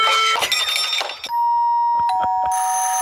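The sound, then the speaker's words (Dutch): A doorbell rings with bright, sustained electronic chimes, followed by several short, clicky repeated tones and another held ringing note. The sound is loud and stands alone, with no talking. “Deurbellen dus eigenlijk. Ja, deurbellen.”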